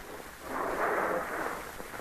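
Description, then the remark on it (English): A steady rushing, splashing wash of water is poured into a barrel, swelling louder midway and then holding a broad, hissing roar to the end, with no voices. “Sound like water. He's putting more water in the barrel.”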